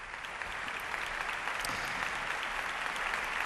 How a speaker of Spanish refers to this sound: Aplausos ahora mismo para Aquiles Machado y para el maestro Miquel Ortega, para iniciar esta gala de ópera y zarzuela desde el Teatro Monumental de Madrid.